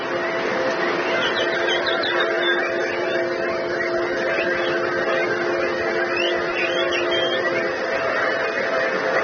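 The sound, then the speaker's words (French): A crowd of people whistle and chirp together in imitation of birdsong, a dense, continuous chatter of high warbling calls layered over a steady low hum. “Est-ce que je peux entendre encore plus d'oiseaux?”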